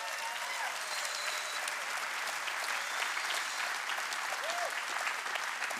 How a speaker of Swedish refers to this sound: Ge honom en varm applåd.